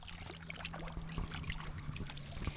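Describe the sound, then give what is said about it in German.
Water sloshes and splashes with steady irregular swishes as a person wades into a community-built natural outdoor swimming pool in Großenförde, water about 17 degrees, a low hum running underneath and no voices. “Eine Gemeinschaft von unterschiedlichsten Menschen hat hier ein Naturfreibad gebaut und als Treffpunkt für die Dorfgemeinschaft etabliert.”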